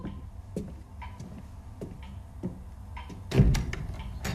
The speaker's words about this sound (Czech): Někdo klepe, kluku. Já slyším. Jenomže dědeček říkal... Abys nás nikomu neotvíral. Pořád klepe.